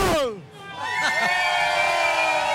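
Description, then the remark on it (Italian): A single voice lets out a loud, drawn-out yell, its pitch wavering and rising briefly before holding steady until the end, made live on Radio Freccia from San Siro. “Ore 18, facciamo un bel urlo qua direttamente da San Siro.”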